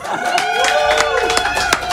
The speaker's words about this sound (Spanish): ¡Ey, aplauso!